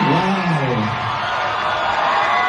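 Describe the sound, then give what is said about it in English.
A large crowd at Marvel's Comic-Con panel screams and cheers in a steady, loud roar as Ryan Gosling is announced as Ghost Rider, with a few high voices whooping out above the din near the start. “He addressed the screaming crowd about the new role.”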